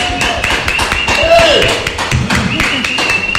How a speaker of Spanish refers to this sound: Bienvenido. Un aplauso, por favor, para. ¡Bravo!